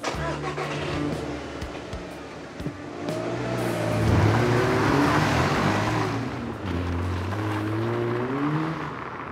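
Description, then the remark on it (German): A car engine runs steadily, its pitch shifting as it revs and pulls off, with a broad road rumble that stays prominent for several seconds. “Ich habe das sofort gewusst, dass das Auto nicht zu ihr passt.”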